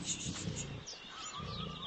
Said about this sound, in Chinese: 嘘，别出声，有狗熊。